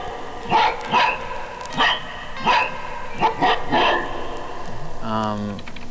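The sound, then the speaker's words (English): A dog barks repeatedly in short, sharp bursts, about seven barks in a loose rhythm, loud, ending with a brief whining tone. “And different animals have their different grooves, like a dog is more percussive.”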